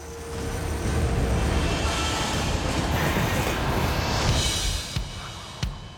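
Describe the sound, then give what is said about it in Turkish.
A heavy gravel train rumbles steadily along the tracks toward Anchorage, loud, with a continuous low roar and faint metallic clanks near the end. No one speaks. “Birkaç dakikalık farkla yolu temizliyorlar ve çakıl treni Anchorage'a doğru yola devam ediyor.”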